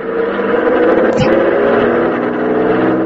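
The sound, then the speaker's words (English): A car engine hums steadily, its harmonic drone sustained throughout with a brief sharp transient near the middle, as the car squeezes by on the road shoulder past a thing blocking traffic. “Well, we'll have to try and get past it. It looks like you might squeeze by in the shoulder.”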